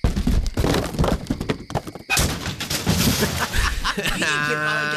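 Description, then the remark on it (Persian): A motorcycle, pushed over deliberately, tumbles and crashes down into a ravine, a loud, irregular series of heavy thuds and clattering metal impacts, ending in a sustained, ringing tonal hum. “الان می نزمش تا این دره له بشه عشق کنید.”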